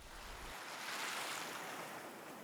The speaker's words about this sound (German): In den Muscheln ist das Rauschen des Meeres zu hören.